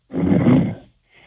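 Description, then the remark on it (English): A man, a caller from Union County, New Jersey, who fell asleep after about 32 minutes on hold to a call-in show, snores loudly over a tinny phone line: one long raspy rumbling breath, then a pause and the faint start of another. “He's sleeping. You can hear him snoring in the background, Dr.”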